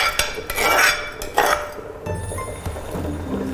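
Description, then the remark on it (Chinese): Rice pours into a pot of mung bean seafood soup made with a clam broth base, with a few soft splashes and clinks of metal cookware, then a low steady hum from the stove carries on underneath. “就把这个米，我们就进到这个绿豆汤里边了。”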